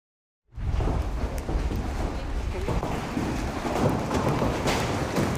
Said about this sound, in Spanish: Y una intensa tormenta acompañada de granizo de gran tamaño sorprendió a los habitantes de Asunción, Paraguay.